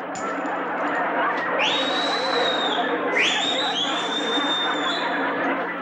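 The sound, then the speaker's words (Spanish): Two loud, high whistles, each sliding sharply upward and then holding a steady shrill tone, ring out over a constant murmur of crowd chatter as a person whistles at the umpire for a bad call. “¿A quién le chiflaste?”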